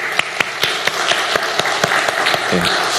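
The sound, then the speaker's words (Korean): A crowd at a church summer Bible school applauds steadily in thanks to God, a dense wash of many hands clapping, with a few sharper individual claps standing out at a fairly regular beat throughout. “다시 한번 우리 하나님 앞에 감사하며 우리 박수 할까요?”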